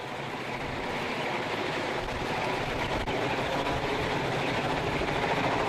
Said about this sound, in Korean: 드디어 헬기가 나타났습니다. 그런데 휘몰아치는 거센 바람이 상상 그 이상입니다. 돌풍처럼 몰아치는 바람에 눈을 뜰 수조차 없었는데요.